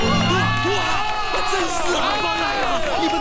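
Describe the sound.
A lively crowd at a work site cheers and shouts all at once, welcoming the campaign broadcaster, many voices rising and falling together over a dense, steady wash of noise that sounds like continuous clapping, loud throughout.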